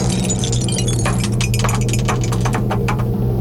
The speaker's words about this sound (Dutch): Want daar staat de beker met een dobbelsteen erin. Ja, komt-ie hoor. Oeps.